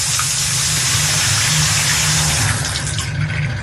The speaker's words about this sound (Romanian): Dau drumul la apă caldă, dar bineînțeles că vine rece.